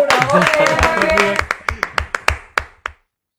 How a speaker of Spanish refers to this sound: ¡Vamos, bravo, aplauso para producciones!